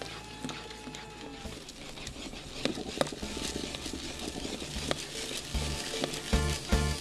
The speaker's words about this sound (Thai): ใช้ไม้ไผ่กวนคนเพื่อช่วยให้สาคูไม่ติดกันเราจะกวนจนกว่าเม็ดสาคูจะใสที่พี่ป้ายายจะเรียกว่าใสเป็นตากบนะครับก็คือข้างนอกใสแต่ว่าข้างในก็คงยังมีแป้งเราเห็นแป้งอยู่หน่อยๆนะครับ